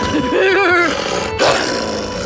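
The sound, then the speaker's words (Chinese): Large Tibetan mastiffs, wary of strangers, growl menacingly, a rough, wavering snarl that rises and falls for about a second before breaking into a short, harsher rumble against steady background noise. “现在他们跟你们不熟，还有警惕心，等熟了以后就不会凶你们了。”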